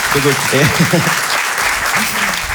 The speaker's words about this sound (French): Hein. Un applaudissement.